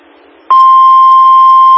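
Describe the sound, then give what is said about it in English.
Fire dispatch alert tones: after a brief stretch of faint radio hiss, a loud, steady electronic tone cuts in abruptly and holds unbroken to the end, with no one talking. “Companies disregard those tones.”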